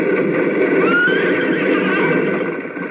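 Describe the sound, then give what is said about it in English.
A horse whinnies loudly as it is reined in while galloping toward a bridge, a long, shrill, wavering neigh that rises and falls for about three seconds, easing off slightly at the end, with no talking. “Roy and Cube gallop toward the bridge. And then... Whoa, Trigger! Whoa, Wolfie!”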